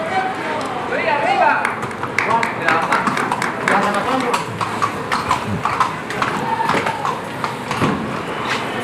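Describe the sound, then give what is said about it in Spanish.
Horse hooves clip-clop on packed ground in a bullring at the Corpus 2026 festival as rejoneador Sebastián Fernández changes horses, mounting the Hanoverian Quitasueños; a steady run of sharp hoofbeats, with voices murmuring underneath and a busy crowd ambience throughout. “Está cambiando el caballo Sebastián Fernández, que se va por Quitasueños.”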